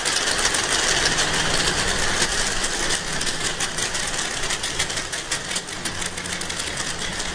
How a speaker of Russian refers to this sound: Давайте послушаем крики гуахары.